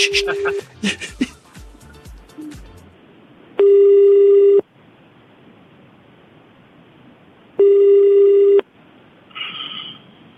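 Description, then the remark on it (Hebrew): An outgoing phone call rings with no answer: two long, steady ringback tones spaced about four seconds apart, clear, following a brief jumble of clicks and sounds at the start. “תראה מה זה, אנשים לא עונים לשיחות לא מזוהות.”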